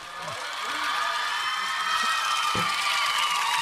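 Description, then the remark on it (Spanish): A crowd applauds and cheers, a steady wash of clapping with scattered shouts and whoops that swells in the first second and then holds at a loud, even level. “Un aplauso, vos chiquillos. Es un aplauso.”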